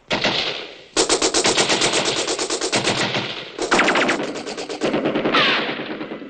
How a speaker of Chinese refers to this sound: 机关枪，机关枪。